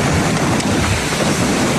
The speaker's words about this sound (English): The massive storm crashing into the Gulf Coast as a Category 2 hurricane and quickly turning deadly.